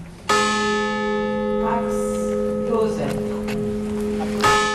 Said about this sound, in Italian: 262 i rintocchi della campana accompagnati dai nomi delle vittime.